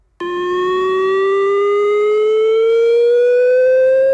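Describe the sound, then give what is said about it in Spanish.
A loud chemical emergency warning siren in Múzquiz starts abruptly and holds a steady, slowly rising wail with strong harmonic overtones, sounding continuously for several seconds with no voices, during a routine test of the Basque government's warning system. “Este lunes en Múzquiz, a partir de las 10 de la mañana, van a sonar las sirenas por emergencia química.”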